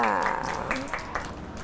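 A handful of scattered, irregular handclaps from a small group, moderately loud, starting just after a brief voice at the beginning, applauding a child who helped the teacher scoop carrot into a cup during a classroom cooking activity.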